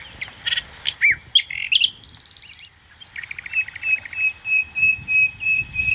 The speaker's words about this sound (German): Und dann hören wir unterschiedliche Vogelstimmen, die früher hier in der Heide zu hören waren und jetzt fast verschwunden sind. Aber wir können sie hier noch einmal erleben. Nachtigall.